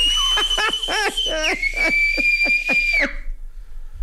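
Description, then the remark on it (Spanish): A person gives a long, loud, steady whistle lasting about three seconds, ending with a brief upward lift, while rhythmic yelping or shouting bursts pulse underneath. “Que enséñate a chiflar.”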